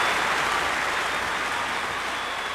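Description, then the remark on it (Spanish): Steady, dense applause from a crowd, loud and continuous, a broad wash of clapping with no voices standing out. “se oye un aplauso de aquí hasta Huetitán.”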